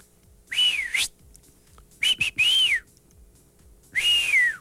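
A person whistles three short melodic phrases with pauses between them, the pitch gliding and wavering, fairly loud over a quiet background with no talking.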